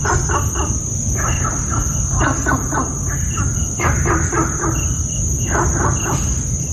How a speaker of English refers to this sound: I have for you an audio recording of Gunther's frog in Singapore. Rivet and barks, but no rivet is heard.